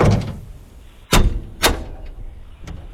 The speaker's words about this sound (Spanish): Esta vez pienso que el sonidito es la cajuela de un carro. A ver, ¿este suena parecido a una cajuela de un carro? Escuchemos con atención.